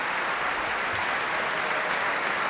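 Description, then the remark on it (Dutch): Sustained, dense standing ovation from a large audience seated around the stage in the Tivoli Vredenburg concert hall as five percussionists bow: a steady roar of many hands clapping at once with no pauses, heard from within the crowd. “En deze 5 prachtige slagwerkers buigen nu voor deze staande ovatie hier in Tivoli Vredenburg.”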